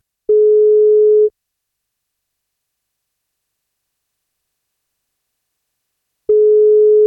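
A telephone ringback tone as the 1FM radio station calls a listener to give her the day's birthday cake: a steady mid-pitched beep lasts about a second, followed by a long silence, then the beep sounds again. Two clear rings, no voices.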